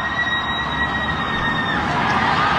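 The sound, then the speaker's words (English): A dense, continuous roar of a cheering street crowd in Manhattan, where people watched on the big screens in Times Square, heard from 18 floors up as the buzzer sounds on a first title in 53 years, with a steady high-pitched tone like a siren or horn running through the noise. “But in the streets of Manhattan, this is what happened, where people were watching on the big screens in Times Square.”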